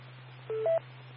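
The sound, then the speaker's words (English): Two short telephone keypad tones sound in quick succession, the second slightly higher and louder, over a steady low electrical hum on the line. No one speaks. “I'm back, I got a phone call.”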